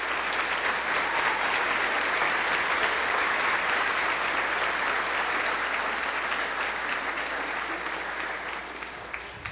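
A sustained round of applause from a crowd at a religious ceremony, greeting a couple renewing their marriage vows after 19 years, dense steady clapping at an even loudness throughout that tapers off slightly toward the end, with no voices standing out.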